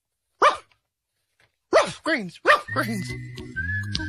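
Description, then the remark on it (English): A dog barks close by: one sharp bark, a pause, then three quick barks in a row, followed by a sustained whistle-like tone and soft music. “makes any dog better. So good, he'll ask for it by name.”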